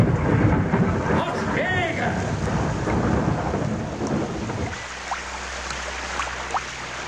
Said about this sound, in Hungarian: Kim esik az eső. És nekem nincs esernyő.